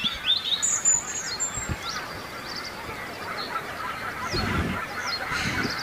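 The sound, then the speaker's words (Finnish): Calls of a goose with its goslings, moving low on the water surface against a forest in calm weather, ring out over a steady background wash, with high, thin peeping notes repeating throughout. No one speaks. “No, kyllä siellä on hanhi poikineen varmasti äänen perusteella.”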